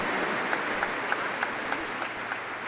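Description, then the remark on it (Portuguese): A steady round of applause from a crowd at a sanctuary, given to the family of devotees, dense clapping filling the whole stretch with a few sharper claps popping out at a regular beat, fairly quiet overall and with no voices. “Mais uma salva de palmas à nossa família dos devotos.”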